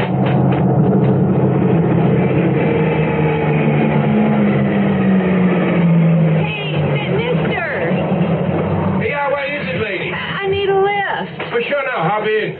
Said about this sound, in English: Okay, it's a pickup truck. Now get out there and give it the old thumb.